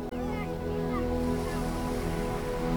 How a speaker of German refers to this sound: Manchmal muss man einen Weg durch die Dünen nehmen, um zu dir zu kommen. Beim Hindurchspazieren weht einem der Wind leicht durchs Haar. Und man hört schon hier leise das Meer rauschen.